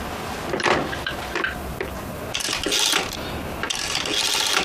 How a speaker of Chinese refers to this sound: 关门